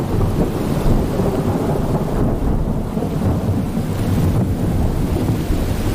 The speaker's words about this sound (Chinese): 卡勒感受到了季节的变化，空中电闪雷鸣，一场大雨倾